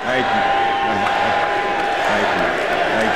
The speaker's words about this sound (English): Chants come from the crowd at Fitzgerald's induction ceremony in Canton, Ohio.